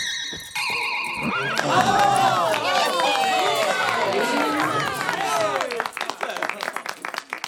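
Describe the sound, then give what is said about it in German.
A large circus audience erupts in loud cheers and whistles at flying horses, climbing onto the benches in excitement, then breaks into rapid, sustained clapping as the shouting fades, preceded by a short shimmering tone at the very start. “Die Zuschauer klatschen und pfeifen und steigen vor Begeisterung auf die Bänke.”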